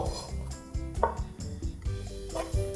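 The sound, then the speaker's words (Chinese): A knife chops steadily on a cutting board through dried button shiitake mushrooms, a quick run of hollow thuds and faint crunches with light kitchen clatter and no talking. “啊，这帮你帮我剥小，然后我来切这个纽扣干香菇。”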